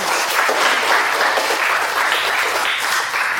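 Steady, dense applause from a crowd for a group of students who presented a dish fills the whole stretch, many hands clapping at once in a continuous, moderately loud wash with no voices standing out.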